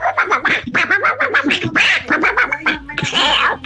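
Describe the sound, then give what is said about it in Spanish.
A raspy, squawking Donald Duck cartoon voice sputters in rapid, trembling bursts, shivering with cold, chattering almost nonstop for a few seconds with no other voices. “A ver, escuchemos nuevamente al pato Donald que nos dice que tiene frío.”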